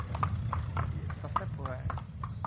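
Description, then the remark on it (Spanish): Horse hooves clip-clop in a steady, brisk rhythm, each hoof strike sharp and distinct over a low background rumble, with a brief faint voice partway through. “Y esto de las rutas a caballo tiene mucho de eso, que el trayecto también es parte del viaje, incluso la parte más bonita.”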